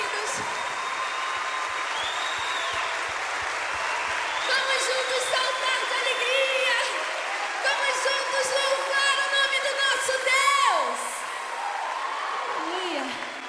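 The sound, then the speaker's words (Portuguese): A crowd in a theater claps steadily and cheers during a worship celebration, with shouts and whoops rising over a dense wash of applause that swells toward the end before easing off. “Aplauda bem forte. Aplauda mais forte.”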